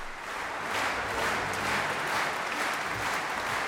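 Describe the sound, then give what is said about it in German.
A concert audience in the Max-Littmann-Saal in Bad Kissingen on 19 July 2025 applauds steadily as conductor Manfred Honeck passes the applause to individual musicians and groups of musicians: a dense, even wash of many hands clapping at a constant level for several seconds, with no voices standing out. “Manfred Honeck überlässt auch immer einzelnen Musikerinnen und Musikergruppen den Beifall, ein Dank seinerseits an jene, ohne die er seine musikalischen Ideen nicht verwirklichen könnte.”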